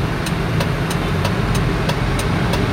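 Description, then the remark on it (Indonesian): A truck engine idles with a steady, low rumble as the truck is about to reverse at a road barrier on Prof. Hamka, while a sharp ticking pulse repeats at an even pace about three times a second throughout. “Oke, truk yang mungkin nggak tahu ya, daerah semoga naik ke Prof. Hamka yang di portal ya. Ini sedang mau mundur gitu.”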